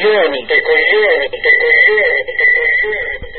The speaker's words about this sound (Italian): Va bene, basta con l'effetto eco.